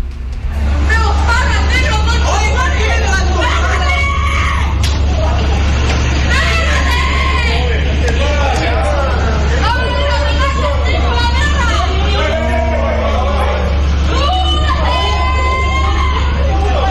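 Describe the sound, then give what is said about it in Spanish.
A tense outdoor street fight at night in La Cisterna, with many overlapping raised voices shouting and arguing, set against a steady low rumble of traffic and idling engines. “que ustedes escuchen el audio ambiente de esta pelea que se generó en horas de noche en este mismo lugar acá en La Cisterna.”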